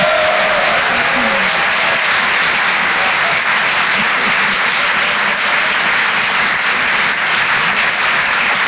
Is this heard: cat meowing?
no